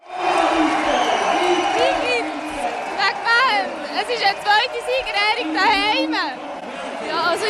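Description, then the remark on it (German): A large indoor crowd roars and chatters continuously, with excited shouts and whoops rising above the dense babble, echoing in a gym hall during a village celebration for an Olympic gold medal in the canton of Zug, Switzerland. “berichtete live vom Fest in der Turnhalle”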